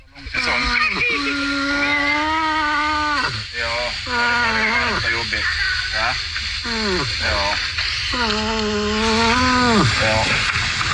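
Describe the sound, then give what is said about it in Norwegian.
A talking moose kept by a Swedish man gives a series of drawn-out, moaning calls, each holding a steady pitch before sliding down at the end, repeated about seven times over a constant rushing background noise. “En elg som prater, nå skal du høre.”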